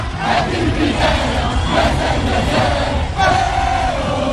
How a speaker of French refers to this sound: Dans les rues de Casablanca, c'est l'euphorie. Les supporters dansent, chantent.